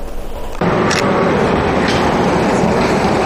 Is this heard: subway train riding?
yes